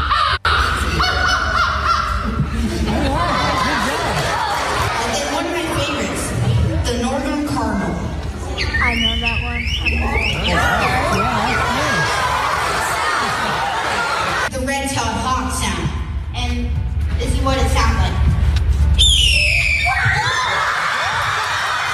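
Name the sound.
child imitating bird calls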